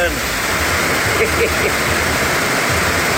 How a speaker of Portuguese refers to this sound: Numa altura em que também havia trovoada, é visível neste vídeo que mostra uma rua com escadas transformada num verdadeiro rio.